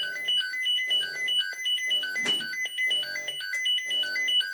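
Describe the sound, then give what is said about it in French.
A repeating electronic alert tone beeps in a fast, melodic pattern, loud and steady throughout, a fire station alarm sounding to inform firefighters of an emergency call-out, with a brief thud midway. “Ça fait sonner des bips pour que les pompiers soient informés.”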